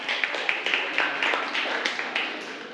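A group of students in a class claps together for a classmate who shared an experience, a steady patter of many overlapping hand claps at moderate loudness with small peaks, continuing for a few seconds without speech.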